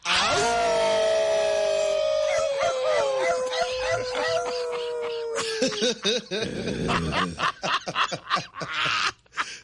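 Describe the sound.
Several radio show hosts howl together in a long, loud, sustained wolf-like chorus, imitating dogs or wolves, before it breaks apart into laughter and scattered whoops near the end.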